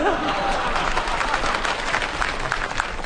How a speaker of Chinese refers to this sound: 人家鼓掌是喜欢我们俩当中的一个， 哦， 对不对啊？ 大伙儿鼓掌是喜欢我们俩当中的一个，啊，我一直以为大伙儿也喜欢你呢。